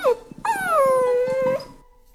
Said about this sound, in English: And who can resist the sound of puppies at 6:50 in the morning?